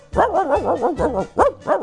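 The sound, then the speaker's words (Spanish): A dog barks in a quick, steady run of about seven woofs in under two seconds, loud and mid-pitched with a slight yelping rise on each, with no talking. “¿Usted por qué hace guau si usted es un gato?”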